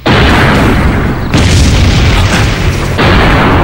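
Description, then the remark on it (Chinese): A massive train explosion booms, its roar filling the whole clip with deep rumbling and crackling debris that surges again partway through. No voices are heard. “为了把这出戏演得更真，火车爆炸的一瞬间，我把我的军牌摘下来，扔向了树丛。”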